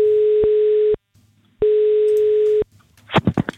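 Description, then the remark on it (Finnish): Two long ringback tones of an outgoing phone call made by Radio 957 to a Sirkus Finlandia contest participant. Each is a steady mid-pitched electronic buzz lasting about a second, with a short pause between, followed by a brief burst of clicky line noise. “Ja ainakin tätä seuraavaa henkilöä, jolle nyt soitan.”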